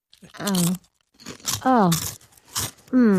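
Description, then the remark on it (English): Several loud crunching bites of crisp food in quick succession, with voices making drawn-out, gliding appreciative hums between and over the crunches. “here in our resident chef, … has several crunchy new recipes”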